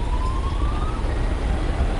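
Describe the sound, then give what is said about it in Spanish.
A stadium alarm sounds at loanDepot Park during a baseball game, a thin, steady tone that slowly rises in pitch, heard over a constant low roar of background noise, with no talking. “Lo que suena una alarma aquí local en Lone Depot Park.”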